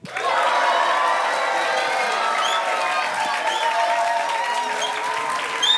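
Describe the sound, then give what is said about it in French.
A crowd applauds loudly and steadily for several seconds, with cheers and whoops rising above the dense clapping, all continuous with no speech. “C'est sympa d'être applaudi comme ça ?”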